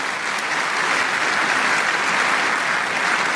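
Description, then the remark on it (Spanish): An audience applauds during a sermon: steady, dense applause, a loud continuous wash of many hands clapping at an even level with no voices standing out. “Dese un aplauso.”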